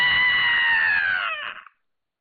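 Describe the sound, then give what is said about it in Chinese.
A woman's single piercing, heart-rending scream from outside, loud, holding a shrill high pitch for over a second before sliding slightly downward and cutting off, then silence. “结果还没等他开口呢，突然间就听到外边是一声女人撕心裂肺的尖叫。”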